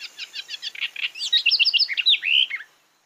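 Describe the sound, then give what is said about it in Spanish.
A house wren (cucarachero común) sings a rapid, bubbling song in Colombia: a string of quick buzzy notes followed by a tumbling cascade of bright trills, about two and a half seconds long, with no other sounds. Recording from the Colombian Bird Sound Bank of the Instituto von Humboldt and Cornell University. “El trino del cucarachero común forma parte del Banco de Sonidos de Aves Colombianas, recopilado por el Instituto von Humboldt y la Universidad de Cornell.”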